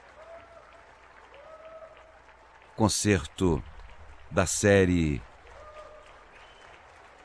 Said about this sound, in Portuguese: A orquestra recebendo os aplausos da plateia na Sala Minas Gerais.